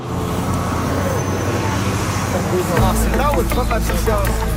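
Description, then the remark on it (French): Steady roar of busy street traffic near the Georges Vanier high school at the corner of two major roads in Villeray, Montreal, with a city bus engine rumbling partway through as students get off, and a crowd of voices chattering indistinctly. “On a la masse d'étudiants qui sortent du bus de ville.”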